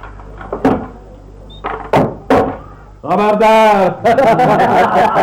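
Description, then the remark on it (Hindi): The door of a house is handled and pulled open with a few sharp wooden knocks and thuds, followed by a loud voice shouting. “तो सुनो, मैं दरवाजा खोलता हूँ।”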